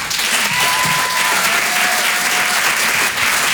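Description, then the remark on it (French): Steady, loud applause from a large audience at a stand-up comedy club fills the whole stretch, a dense wash of clapping with a faint whistle or tone gliding briefly above it. “Merci pour les applaudissements.”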